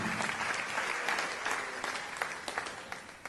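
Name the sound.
audience applause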